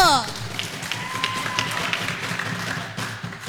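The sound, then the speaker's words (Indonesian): A crowd at a competition applauds for RRI Palu, a steady patter of many hands clapping for a few seconds, with faint voices mixed into the background. “Mari berikan tepuk tangan untuk RRI Palu.”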